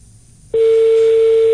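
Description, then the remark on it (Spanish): A landline telephone tone sounds as one steady, loud, pure beep lasting about a second, starting abruptly after a brief stretch of faint background hiss, with no talking. “Pero esto no es timbre de celular, ¿no? No, sí. Parece fijo. Es que tiene distintos tonos.”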